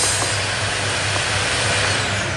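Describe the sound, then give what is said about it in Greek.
A vacuum cleaner runs loud with a steady, hissing roar and a low motor hum, holding constant for a couple of seconds with no voices; the vacuum cleaner then breaks down. “Όχι, τώρα βρήκε να μ' αφήσει. Τι έγινε, βρε Κέτη, τι φωνάζεις? Η σκούπα χάλασε.”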